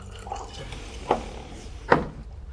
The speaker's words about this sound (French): La présidente verse 3 verres de vin. Merci. En tend un à chacun.